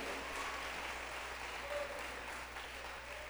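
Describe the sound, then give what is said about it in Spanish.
An audience applauds steadily during a sermon, giving a loud round of applause to God, a dense wash of many hands clapping at an even, sustained loudness throughout, with no voices standing out. “Démosle un fuerte aplauso al soberano Dios del cielo.”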